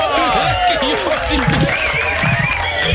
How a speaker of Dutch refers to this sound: Geef je nou een applaus, jongen. Nou ja.